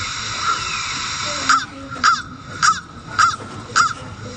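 A crow caws five times in a steady, evenly spaced series, each harsh call loud, over a constant low background hum with no voices.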